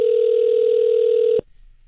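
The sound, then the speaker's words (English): A single loud, steady electronic ringback tone heard through a phone line while calling Aéropostale's headquarters, holding for over a second before cutting off abruptly into near silence, with no one answering or speaking. “They will let it ring for 20 here.”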